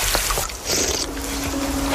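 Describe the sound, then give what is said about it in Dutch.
Water trickles and splashes steadily throughout as someone drinks from a farm ditch in the Netherlands, a continuous gurgle with a faint low hum entering partway through. No one speaks. “Ja, jij drinkt hier dus uit een rivier in Nederland.”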